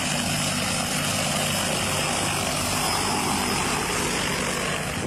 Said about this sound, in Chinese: 现在那里又搞一条环村路，那里我们的喷洒农药啊、打肥料啊，就用无人机。